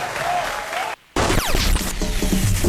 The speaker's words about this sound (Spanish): aplauso para despedir a otro grande de la música norteña